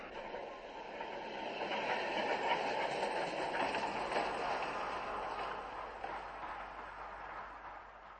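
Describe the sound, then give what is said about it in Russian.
A tram rolls along its rails with a steady, rumbling clatter that holds for several seconds, with no voices over it. “Второй трамвай идет.”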